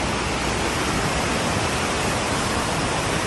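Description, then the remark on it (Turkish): A steady, dense roar of rushing water from a stream overflowing after a heavy evening downpour in Giresun, Turkey, turning streets into lakes, loud and unbroken for the whole stretch, with no voices over it. “Dere taştı, caddeler, sokaklar göle döndü.”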